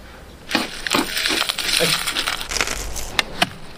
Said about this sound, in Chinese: 香料捣碎，放入专门用于腌肉的雪花盐，均匀混合。